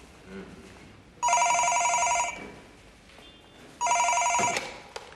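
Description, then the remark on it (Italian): A telephone rings twice, each ring a bright, buzzy trill lasting about a second, separated by a pause, loud over faint room noise. “Ci sarebbe una persona per lei a telefono.”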